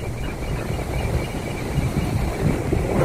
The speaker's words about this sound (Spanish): Oye, qué rico el sonido del mar, me relajé.